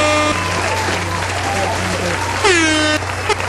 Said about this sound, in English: Ooh, there's singular air horns.